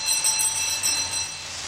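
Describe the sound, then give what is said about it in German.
A doorbell at a house called Santa Rosa, rung by pulling a cord, gives one steady, continuous metallic peal, bright and shrill with a sustained tone and a hissing jangle above it, lasting just under two seconds with no voices. “Hast du geklingelt? Ja, ich habe hier an diesem komischen Ding gezogen.”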